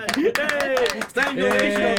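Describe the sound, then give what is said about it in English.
Several sharp hand claps ring out in quick, uneven succession, fairly loud, while voices talk and laugh over them throughout. “Yes, I'll clap for that.”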